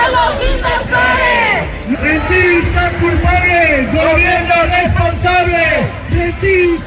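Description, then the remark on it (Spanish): A large crowd of housing protesters, marching from the Plaza de la Encarnación to the Andalusian government seat at the Palacio de San Telmo, shouts chants such as "¡Son los inversores!" in unison: loud, rhythmic bursts of many voices rising and falling over a constant roar of crowd noise, with individual shouts breaking through. “Estos son algunos de los gritos que se están escuchando.”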